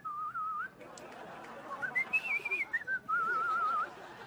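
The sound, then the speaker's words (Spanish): A person whistles a cheerful, wavering tune, with steady held notes sliding up and down over about four seconds, no talking. “Pues es martes, el miércoles te levantas hasta contento, chiflando.”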